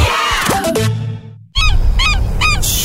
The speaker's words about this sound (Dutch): Luister. Hoor je het ook? In juni kunnen zelfs de meeuwen niet zwijgen